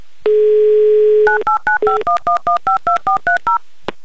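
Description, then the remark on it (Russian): A steady dial tone hums for about a second, then a quick, even run of about twelve short two-pitch keypad beeps as a Humor FM radio host dials a listener's phone number in Chelyabinsk, ending with a faint click. “Итак, набираю ваш номер.”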